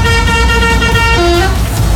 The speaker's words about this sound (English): It's the week Hull Fair comes to town, and as the lorries were pulling into Walton Street, one of them pressed their horn and made this noise.